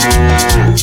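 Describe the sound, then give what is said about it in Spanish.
A cow lets out one loud moo, a drawn-out low bellow that slides slightly downward in pitch, with no voices around it. “Si esa vaca hablara, dice.”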